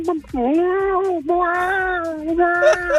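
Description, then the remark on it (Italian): A person imitates a cat with long, drawn-out meows, about three sustained wavering cries in a row, loud, with some faint background noise underneath. “Un gatto.”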